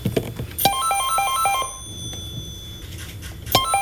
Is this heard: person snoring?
no